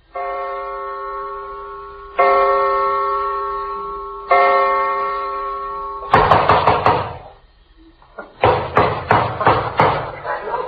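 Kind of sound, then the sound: impact, pounding on a door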